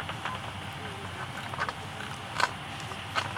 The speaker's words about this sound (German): Wenn man jetzt hinhört, dann hört es manchmal sich so an wie so ein Reißverschluss, der zugemacht wird. So ritsch, ritsch. Und das ist immer dann, wenn die Fledermaus ein Insekt fängt.